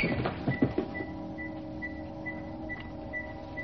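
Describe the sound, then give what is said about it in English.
A robotic control sphere enters a room and rolls slowly across the floor towards a man, with a low, steady mechanical hum and a regular pulse of high electronic bleeps, after a few soft clunks at the start. No voices. “The Yeti control sphere enters the room, rolling slowly towards him.”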